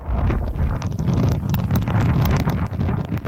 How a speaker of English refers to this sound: The weather system is bringing intense winds and torrential rain with it, upending trees, billboards, and disrupting traffic.